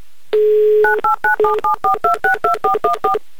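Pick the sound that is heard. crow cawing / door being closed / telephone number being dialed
telephone number being dialed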